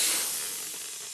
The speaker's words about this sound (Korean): 댄이 할아버지가 타이어에 공기를 채웁니다.